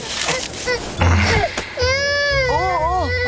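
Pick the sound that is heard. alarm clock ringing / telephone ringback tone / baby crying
baby crying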